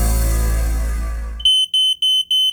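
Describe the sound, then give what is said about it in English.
A dense, bass-heavy rumble cuts off abruptly, replaced by a loud, piercing smoke alarm beeping in quick repeated bursts, about four shrill beeps alone, in a Queensland radio advert for QuickCheck, a smoke alarm specialist. “Hi, I'm Andrew from QuickCheck, your local smoke alarm specialist.”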